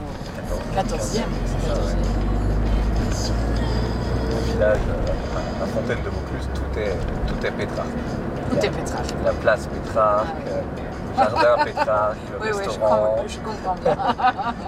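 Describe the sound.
Steady low road and engine rumble from inside a moving car, heavy at first and then easing, with people talking over it in the second half: a traveler chatting with a hotel owner on the drive to the fountain in Vaucluse.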